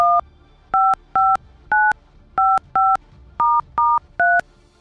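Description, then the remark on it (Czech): Rádio Blaník keys in a phone number for an outgoing call: nine crisp, evenly loud touch-tone beeps in quick succession, each a short dual-pitched tone with brief pauses between, heard clearly with no talking. “Možná vám zvoní telefon.”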